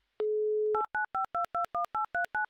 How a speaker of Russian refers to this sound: Номер телефона повторно, оперативно был набран.